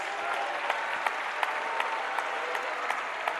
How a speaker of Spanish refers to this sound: ¿Cuánto le dan un aplauso a la gloria de Dios?